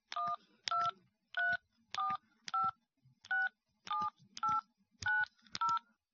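A rapid series of about eleven telephone keypad tones, each a short two-pitch beep, dialed in a brisk, slightly uneven rhythm, clear and close with no voices.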